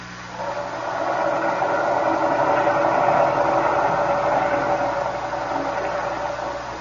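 A submarine's heavy engine, ordered to full speed astern, drones steadily while its fouled propeller turns as if held back, swelling and holding at a strained, labored pitch for several seconds before easing slightly, with a rough mechanical grind underneath and no voices.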